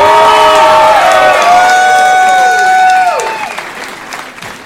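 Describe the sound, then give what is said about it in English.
A crowd applauds and cheers for comedian Tommy Jonigan at the end of his comedy show, with a dense wash of clapping and many overlapping cheers and high whoops that hold, then break off and fade over the last second or so. “Let him hear one more time!”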